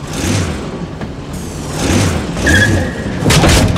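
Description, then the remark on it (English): A small remote-controlled car, driven by drawing a finger across the pad of its remote control, whirs and rumbles as it drives, with a few scraping skids and one brief high tire squeal, loud, no voices. “Now, draw your finger very slowly across the pad to drive the car.”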